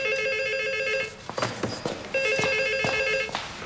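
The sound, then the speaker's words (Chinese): A telephone rings twice with a call from a landlord, each long electronic trill lasting about a second with a pause between, fairly loud, with a few light knocks and clatters in the gap. “方敏的房东来电话，说他想把房子再租出去，要清理方敏的东西，咱们去一趟。”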